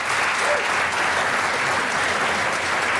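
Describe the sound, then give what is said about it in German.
Warm, steady applause from an audience welcoming a band on stage fills the whole stretch, a dense wash of many hands clapping at once, loud, with no break in the sound. “Wir Man wird klatschen, herzlich natürlich.”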